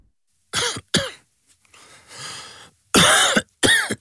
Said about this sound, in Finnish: Hei, älä suotta köhi.